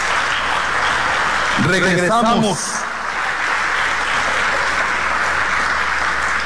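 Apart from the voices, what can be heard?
audience applause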